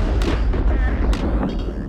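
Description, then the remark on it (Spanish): A loud, deep rumble of thunder, caused by lightning heating the air it passes through to over 28,000 degrees Celsius, rolls on steadily, with a couple of brief sharper cracks breaking over the low, continuous roar. “El sonido de un trueno”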